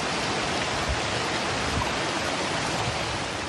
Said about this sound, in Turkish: Ordu'da yağışın etkili olduğu yerlerden biriydi. Perşembe ilçesinde Molla Deresi taştı. Bazı iş yerlerini su bastı.